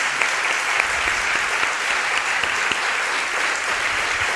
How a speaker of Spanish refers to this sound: Bueno, pues ahora sí, muchísimas gracias Sevilla por llenar este salón del Alcázar, de esta maravillosa ciudad. Les voy a pedir un aplauso muy grande para todos, para hacerse notar que están ahí. Muchísimas gracias por venir.